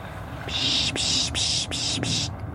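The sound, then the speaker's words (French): A person imitates an owl call to attract small birds such as tits: a raspy, breathy hiss broken into about five quick pulses over two seconds, fairly loud, with no talking. “On peut imiter un peu les rapaces ou certains bruits d'oiseaux pour les faire venir et pour dire ouais, je t'ai vu, viens voir.”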